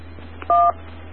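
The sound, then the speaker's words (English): A single short electronic beep as a radio in a mobile station keys up: a steady two-tone chirp lasting a fraction of a second, clearly louder than the faint low hum and hiss around it, with no talking. “I was hearing a beep when you first keyed up. Is that part of the programming?”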